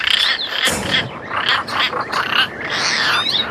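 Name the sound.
european roller call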